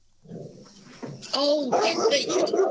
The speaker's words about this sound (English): that sounds like a starter motor dog you've got there.